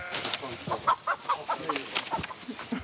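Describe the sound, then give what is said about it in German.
Chickens cluck in quick, irregular bursts throughout, over a steady hiss of outdoor background noise, with a faint rustle of movement. “Aber jetzt ist ein Huhn entkommen.”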